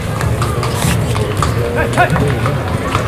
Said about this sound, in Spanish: Ahí sale el caballo. Este caballo es muy bonito. Bayo, ¿no? Este es Bayo. Sí, este es Bayo lusitano puro. Se llama Pan de Oro.